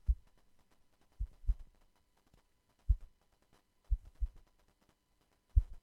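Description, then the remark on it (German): A microfiber cloth pulled taut under tension is plucked, giving soft, low thumps that come in loose pairs about once a second, muffled, with a heartbeat-like rhythm and no talking. “Ja, also ich habe hier mein Mikrofasertuch genommen und quasi so auf Spannung gezupft.”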